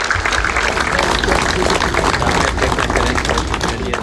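A large crowd applauds steadily for several seconds in honour of two young men, as balloons are released for them, a dense, continuous wash of clapping that stays fairly loud throughout, with a murmur of voices mixed in.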